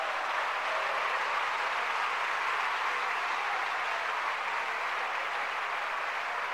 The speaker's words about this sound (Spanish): Cuando le dan un aplauso al Señor.